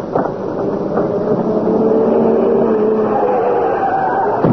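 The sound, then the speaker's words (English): A car engine roars loudly and steadily, its droning hum swelling slightly as the car approaches fast, with no voices over it. “What's that? It's a car.”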